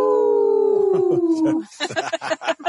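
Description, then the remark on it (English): Several people howl together like dogs in a long, sliding, overlapping wail that fades after about a second and a half, followed by bursts of laughter and chatter. “Maybe we should unmute everybody and do the howl again.”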